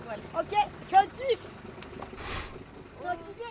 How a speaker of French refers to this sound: En retournant au port, le vent se calme, le moteur se rallume et tout le monde profite des derniers moments sur le pont.